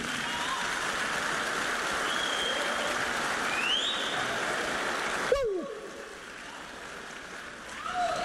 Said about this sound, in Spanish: Pero Jesucristo aquí está, ¿o no? Aplausos, sí.